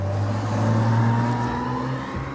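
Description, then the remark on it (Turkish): A Porsche Boxster S engine revs steadily with a strong low drone and harmonic whine that climbs, then dips and shifts as the gearbox slips during the gear change after stopping and pulling away again, loud throughout with no voices. “Buna vites attıralım. Bir durup tekrar kalkalım. Evet, vites kayıyor.”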